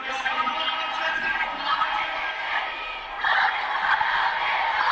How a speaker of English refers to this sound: That's Tehran and a huge crowd gathered for one of the series of ceremonies planned for the funeral of the Ayatollah Ali Khamenei. The mourning will take place for days across five cities.